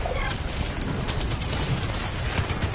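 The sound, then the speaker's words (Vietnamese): Heavy cannon fire rumbles continuously with scattered gunshots cracking through at the Độc Lập stronghold at 17:00, French 105 mm and 155 mm guns firing back; a dense, loud battlefield din of booms and bursts with no pauses. “Mười bảy giờ, cứ điểm Độc Lập rung chuyển trong tiếng ầm ầm của đại bác.”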